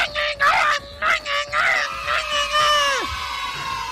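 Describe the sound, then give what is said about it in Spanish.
A loud, high-pitched traditional Mexican grito: one voice holds a sustained, trilling yell with rhythmic warbles, ending in a sharp downward slide, over a faint crowd in the background. “¡Que salga el grito de México y todo!”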